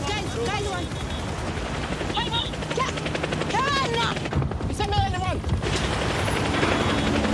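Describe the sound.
A helicopter flies overhead with a loud, steady rotor chop and engine roar throughout, while muffled voices rise and fall over the din and sharp bursts crackle through.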